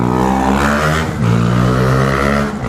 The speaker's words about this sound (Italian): Qua siamo in pieno traffico, a proposito di trambusto.